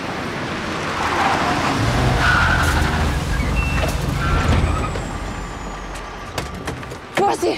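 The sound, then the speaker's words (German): A large bus rumbles past in street traffic, its low engine drone swelling and fading, with a brief high beeping and sharp clicks near the end amid general road noise. “Oh, jetzt kommt ein großer Bus.”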